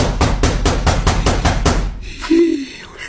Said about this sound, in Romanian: Mi-e frică, iubitule, bate cineva la ușă. În mod incontestabil bate cineva la ușă.